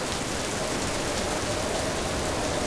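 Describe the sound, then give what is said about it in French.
Heavy rain pours down steadily in big drops, a dense, continuous hiss of pattering for the whole stretch, with no voices or other sounds. “Maintenant, il pleut à grosses gouttes.”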